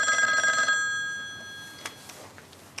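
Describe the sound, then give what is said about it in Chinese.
A telephone bell rings in a bright, steady metallic burst that cuts off after under a second, followed by a few faint clicks and knocks over a quiet background. “我接个电话。”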